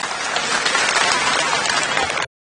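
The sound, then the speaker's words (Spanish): A crowd at an event paying homage to Emiliano R. Fernández applauds in a dense, steady wash of clapping that holds at an even, loud level for a couple of seconds, then cuts off abruptly. No one speaks. “Un fuerte aplauso para don Larramendi, generoso Larramendi.”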